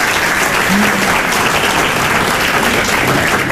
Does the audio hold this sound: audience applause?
yes